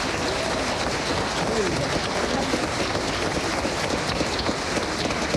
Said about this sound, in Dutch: Dus geef eens één groot applaus. Dank u wel.